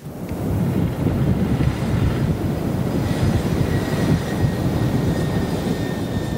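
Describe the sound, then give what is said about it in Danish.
A deep, continuous rumbling roar of a rocket launch, loud and steady throughout with dense low-end thunder and a faint high whine running above it. It is an uncrewed, privately developed rocket from the German company Isar Aerospace, launched into Earth orbit from northern Norway. “Her lykkedes det nemlig den tyske rumfartsvirksomhed ISAR Aerospace at sende en ubemandet raket ud i rummet og i kredsløb om jorden.”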